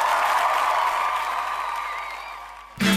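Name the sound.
audience applause and cheering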